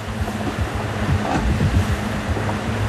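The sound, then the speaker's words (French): Steady rush of crossed ocean waves washing around a sailing boat in the Drake Passage, testing its autopilot, with a constant low rumble, gusty wind buffeting the microphone and no voices. “Le Malaysia Explorer affronte des vagues croisées qui mettent le pilote automatique à l'épreuve.”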